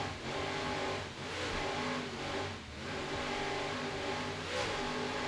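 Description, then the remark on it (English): Two 800-horsepower Mercury inboard engines of a 40-foot Nick Carter Racing powerboat roar loudly and continuously at the start of a race, their deep droning pitch surging and dipping as the throttles rev, with no voices. “Let's listen to those Mercury engines as they rev up and start the race.”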